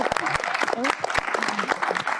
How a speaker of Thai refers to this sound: ขอเสียงปรบมือให้กับทีมงานของเราด้วยนะครับขอบคุณครับ